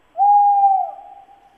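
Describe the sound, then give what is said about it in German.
A tawny owl gives a single long hoot, a steady mid-pitched 'hooo' that holds strong for over half a second, then trails off into a faint, wavering tail. No voices. “Das würde mir nachts im Wald einen Schauer über den Rücken schicken. Der Wald kaut.”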